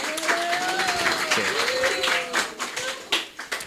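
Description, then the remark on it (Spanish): An audience breaks into steady, dense applause for a woman who has just spoken, many hands clapping at once, with a few voices calling out over it before the clapping starts to thin toward the end. “Un aplauso a la compa, ¿no?”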